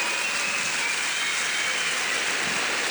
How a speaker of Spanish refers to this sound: que le den ese gran aplauso de reconocimiento y de amor durante toda esta trayectoria.